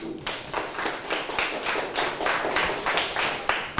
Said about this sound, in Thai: ขอเสียงปรบมือให้กับเพื่อนหน่อยครับ